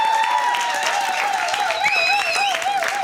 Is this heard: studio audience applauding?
yes